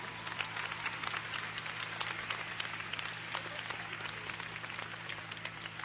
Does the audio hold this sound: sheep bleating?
no